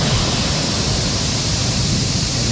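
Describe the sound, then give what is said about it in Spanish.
A dense, steady roar of a torrential cloudburst pouring down, loud and continuous with a hissing wash and a deep rumble underneath, no pauses and no voices; the downpour lasted only about 15 minutes. “Una tromba de agua que sonaba así y que cayó durante apenas 15 minutos.”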